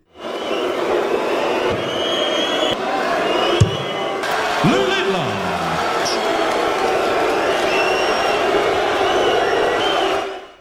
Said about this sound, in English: the crowd have been booing and whistling while he's been competing